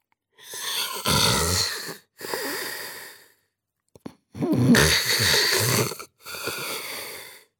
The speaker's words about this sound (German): Hörte man ihn da oben im Glockenturm schnarchen. Weil der Turm so hoch war, trug der Wind das laute Schnarchen des Pastors hinaus in das ganze Dorf.